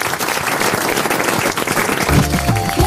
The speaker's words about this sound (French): On vous applaudit.